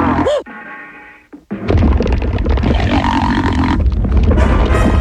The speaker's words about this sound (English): Yeah, it became a character, right? Oh, yeah. The fart became like a character that would follow all of them around. And Stimpy treated it like a kid.